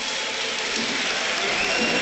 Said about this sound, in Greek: Και το χειροκρότημα που ακούτε είναι για τον Ρόμαν Γιάρεμτσουκ που παίρνει τελευταίες οδηγίες από τον Χωσέ Λουίς Μεντιλίμπαρ.